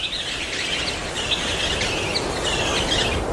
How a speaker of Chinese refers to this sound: 黄豚杯也不遑多让，越来越多的鸟儿在钱江源来往群飞，成为这里生态向好的指示与象征。